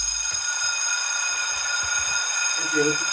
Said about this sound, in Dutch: Wij horen de bel. Dat is de welbekende schoolbel, want we zitten natuurlijk nog steeds midden in de eindexamens.